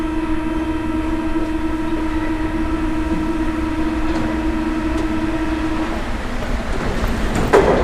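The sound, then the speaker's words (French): A metro train runs steadily on its rails, a constant rumbling roar layered with a droning motor whine, ending with a brief sharp clank. No one speaks. “Dans le métro.”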